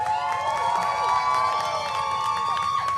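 A crowd claps and cheers for a music act that has just finished playing on stage, with high whistles and shouts rising over a dense wash of applause that stays loud throughout.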